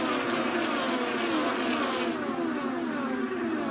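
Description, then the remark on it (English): IndyCar race cars at the tail end of the field scream past on a track during a race, a loud continuous high-pitched engine whine whose pitch sweeps downward as the cars go by. No one speaks. “Jake the Field, tail end coming by you right now.”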